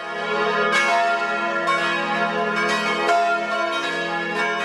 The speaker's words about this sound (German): Kirchenglocken. Die werden wahrscheinlich auch recht häufig läuten heute an dem herrlichen 2. Mai.